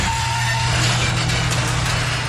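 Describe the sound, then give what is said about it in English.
A garage door operating with a loud, steady low motor drone and harsh rattling noise, a thin squeaky whine showing briefly at the start, with no talking. “So if yours sounds like a dodgy gate at a derelict farmhouse, chat to the pros at 89s.”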